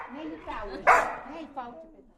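A dog gives a loud, sharp bark, then a shorter second one a moment later, with whiny, yelping vocal sounds around them.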